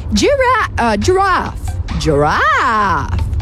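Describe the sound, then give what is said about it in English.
A child's voice loudly imitates a giraffe with a few swooping, rising-and-falling wordless cries, ending in one long warbling sweep over a low background rumble. “Do the giraffe. Giraffe, really?”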